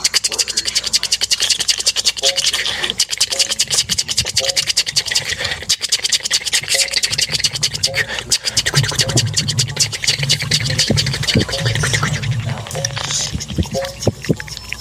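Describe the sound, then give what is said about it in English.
An imitation of the feet of 10,000 worker termites scratching on wood: a dense, dry, skittering rasp of countless tiny scratches, steady and fairly loud throughout, with a faint low rumble underneath. “Make the sound of 10,000 tiny feet on wood.”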